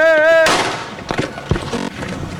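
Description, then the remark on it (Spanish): A single loud, sharp gunshot, fired from about one metre into the back of a man's head during a live broadcast in the Tres Ríos area of Culiacán, Sinaloa, bursts out right after a brief steady tone, its blast trailing off in a long echoing decay with faint clatter and rustling afterward. “Y así llegó, un solo disparo, a un, ¿qué será?, un metro de distancia, le pegan pues en la parte trasera de la cabeza.”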